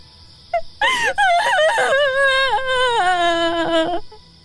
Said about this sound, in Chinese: 一阵凄惨的哭声，就如惊雷炸响，划破寂寥，在高远的夜空久久回荡。